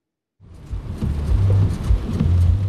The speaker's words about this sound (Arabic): تسببت الأمطار الغزيرة في اسطنبول باضطراب حركة السير وغمر عدد من الطرق بالمياه، ما دفع السلطات إلى تعليق الدراسة اليوم الخميس وحظر حركة الدراجات النارية وسط تحذيرات من استمرار الأمطار واشتداد الرياح.